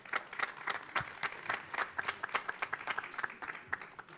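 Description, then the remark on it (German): A crowd applauds two people being called onto a stage at a 25th-anniversary event: many hands clapping in a dense, continuous patter at moderate volume, with no voices rising above it. “Applaus für die beiden.”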